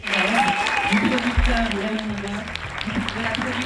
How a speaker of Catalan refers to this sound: Anem d'una història d'èxit amb una altra, i sí, volem felicitar la protagonista que rebia aquests aplaudiments per Aina Clotet, que es va endur ara fa uns dies al Festival de Canes, on va presentar la seva òpera prima, Viva.